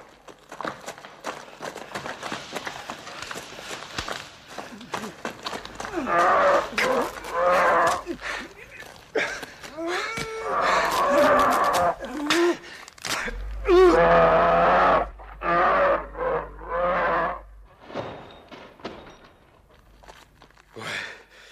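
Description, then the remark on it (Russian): A bear roars and groans loudly, letting out a series of long, moaning bellows that rise and fall for several seconds each, with short pauses between them. “Что это? Медведь.”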